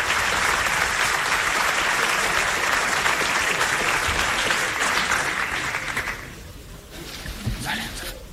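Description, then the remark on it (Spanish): Loud, dense applause from a large crowd in a hotel auditorium in Madrid as candidate Florentino Pérez comes out applauding the audience, a steady wash of clapping that holds for about six seconds, then thins and fades, with a brief swell of scattered claps near the end. “Y ahora sale Florentino Pérez aplaudiendo al auditorio en este Hotel de Madrid.”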